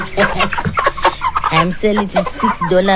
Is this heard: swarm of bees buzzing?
no